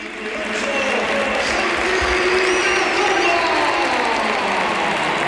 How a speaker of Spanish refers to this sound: Mira, mucha gente se pone de pie y mucho aficionado del Oviedo, pero por favor, que escuchen la ovación que tributa al Bernabéu a Santi Cazorla.